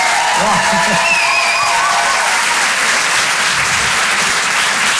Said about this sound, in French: Rire et Chanson Comedy Club. Je demande également un tonnerre d'applaudissements, s'il vous plaît, pour Aymeric Lompré.